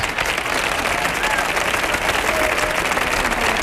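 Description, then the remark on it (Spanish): A large audience applauds steadily, a dense, even wash of many hands clapping at once that holds at a constant, fairly loud level from start to finish. “Que aplaude uno, aplaudimos todos, ¿eh?”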